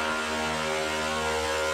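A chainsaw engine runs at a steady pitch, a dense, buzzing motor drone that holds constant in loudness without revving up or down. No one speaks.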